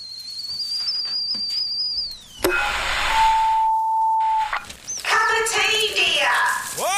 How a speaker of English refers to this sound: Cup of tea, dear. The kettle's on. Would you like a cup of tea, love?